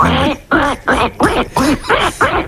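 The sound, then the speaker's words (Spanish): A child's voice imitates a duck, giving about seven loud quacks in a quick, steady rhythm with short gaps between them. “Bueno, pues el pato. Hacemos el pato.”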